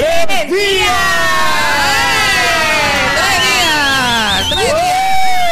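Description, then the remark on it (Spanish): A loud siren sound effect wails continuously, its pitch sweeping up and down in overlapping layers for several seconds, with a faint crowd-like murmur underneath. “Oye, qué sirena, me gustó.”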